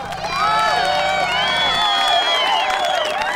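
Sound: applause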